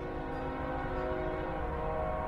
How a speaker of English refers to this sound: Sometimes the train rolling through Sunbury, Pennsylvania on 3rd Street, just one block away, sounds like it's pulling up to the house.